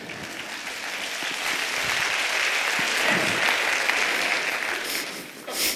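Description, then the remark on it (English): A crowd applauds steadily for several seconds, a dense wash of many hands clapping at an even, sustained level before it begins to taper off near the end. “I hope you're clapping because you disagree with that statement.”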